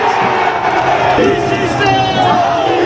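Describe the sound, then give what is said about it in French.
A huge stadium crowd at a football match, the European Super Cup, roars continuously in joy as Kvaratskhelia opens the scoring in the 20th minute, thousands of voices cheering and shouting at once in a dense, loud wall of sound with bursts of whoops rising throughout. “Alors quand Kvaratskhelia a ouvert la marque à la 20e minute, c'est l'explosion de joie.”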